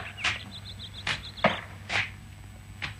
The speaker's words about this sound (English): Somewhere close, I could hear someone chopping trees. I opened the door of the car and climbed out. I started towards the sound of the axe.